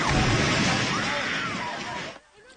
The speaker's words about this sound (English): That reaction as the Templar sent a building tumbling and crumbling. It's not clear if anyone's trapped, and so far there are no other reports of injuries.